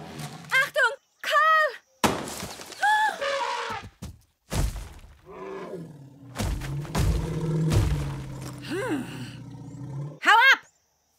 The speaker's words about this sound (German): Carl, sieh doch! Ein Elefant!